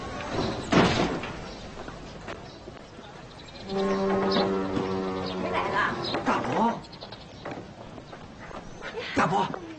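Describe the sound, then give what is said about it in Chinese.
A door creaks open with a long, steady groan lasting a couple of seconds, while people talk and a sharp knock or bump sounds near the start; a grandmother is opening the door for arriving family. “奶奶，开门！”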